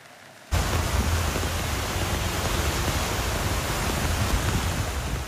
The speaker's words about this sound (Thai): โดยสำนักอุตุนิยมวิทยาเกาหลีใต้ออกคำเตือนฝนตกหนักในบางพื้นที่ทางตอนใต้ตั้งแต่ช่วงสุดสัปดาห์ที่ผ่านมาหลังจากเผชิญฝนตกหนักประกอบกับพายุฝนฟ้าคะนองซึ่งบางจุดบันทึกปริมาณน้ำฝนได้มากถึง800มิลลิเมตรค่ะ